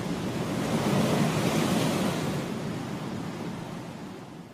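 Heavy Atlantic Ocean surf roars steadily against the shore of a spit of land jutting into the water, a broad wash of crashing waves, hissing spray and froth that swells early and slowly eases toward the end, with no voices.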